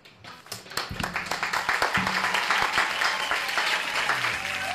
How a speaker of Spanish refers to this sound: Así que bueno, con un fuerte aplauso recibimos a los amigos de Polifonía Oriental.